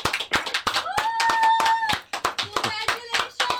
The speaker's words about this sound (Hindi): ताली बज रही है? कौन है? ये ताली बजा रहे हैं सर, ये रिबन काटना था ना। मैं ये शोरूम का उद्घाटन था तो मुझे बुलाया था।